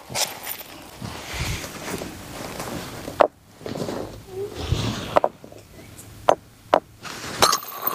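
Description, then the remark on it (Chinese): Several sharp, crisp cracks of stone striking stone ring out at irregular intervals, loud, with quieter rustling and low background murmur between the hits, as stone is knapped to strike off flakes in a farm field over laid-out cloths and mats. “我们铺这些布啊，这个垫儿啊，不是为了单纯好看啊，就是毕竟这是这个农田里头， 我们砸出来的一些这个碎渣呢掉到那田里头不好啊。”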